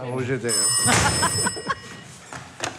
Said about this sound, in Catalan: Ai, el telèfon. Ui. Ja l'agafo.